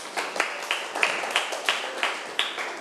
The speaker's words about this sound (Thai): ถูกต้องค่ะปรบมือให้เพื่อนหน่อยค่ะ